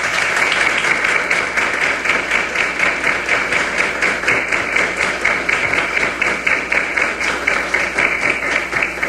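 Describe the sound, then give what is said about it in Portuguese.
Sustained applause from a large audience, dense overlapping clapping at a steady loud level for the whole stretch, heard on its own without any talking; a round of applause given in thanks to the Lord. “Ao Senhor nós queremos agradecer com uma salva de palmas.”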